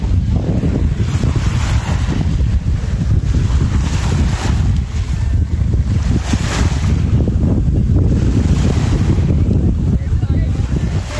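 Steady wind rushes across the microphone, a breeze moving the pine trees, while gentle waves wash against the shore of a cove at La Manga del Mar Menor in the early morning, a continuous, fairly loud outdoor ambience with no clear breaks over its length.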